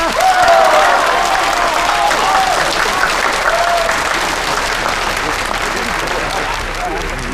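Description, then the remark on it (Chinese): A crowd at an engagement ceremony claps steadily and loudly throughout to congratulate the newly engaged couple, dense applause with a few faint voices and whistles mixed in, sustained at an even level from start to finish. “在这儿，让我们用热烈掌声祝福这对新人。”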